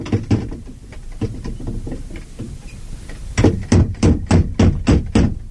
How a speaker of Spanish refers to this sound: Se detuvo frente a la puerta y movió el aldabón.